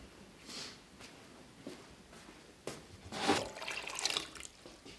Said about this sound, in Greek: Θα βάλουμε νερό να καλύψει τα ψάρια κατά δύο δάχτυλα. Κατά δύο δάχτυλα.